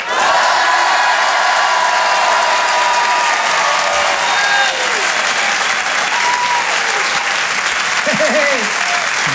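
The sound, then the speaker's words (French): A large crowd, filmed for a Facebook video, bursts into loud, sustained applause mixed with shouts and cheers on a count of three, keeping up a dense roar for the whole stretch, with a few higher whoops rising near the end. “Vous allez tous crier, je la mettrai sur Facebook.”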